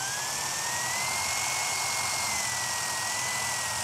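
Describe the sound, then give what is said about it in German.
A small wood drill bit pressed down hard, drilling through a seashell: a steady high-pitched whine holding a continuous tone with slight pitch drift, moderately loud with a gritty hiss underneath. “Dann nehme ich mir einen Holzbohrer.”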